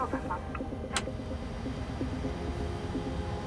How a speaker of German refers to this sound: Jetzt geht's los. Das ist auch ein schönes Flugzeug, um in den Ruhestand zu fliegen. Okay, wir lassen an. Engine number one start.